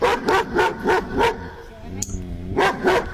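A dog, one of three dogs (a Labrador Retriever, a Poodle and a German Shepherd), barks in a quick, steady run of about five loud barks, pauses with a brief whiny tone, then lets out two more barks.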